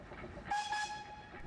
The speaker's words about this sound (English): In other news, the community's beloved Little Prince steam engine over at the Exploration Place in Claidley-Tenay Memorial Park has been forced to take a hiatus from service as upgrades to its track are needed for safety reasons.